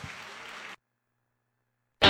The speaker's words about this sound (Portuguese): Gostaria de ver o povo em pé para dar uma salva de palmas ao grandalhão …, uma salva de palmas.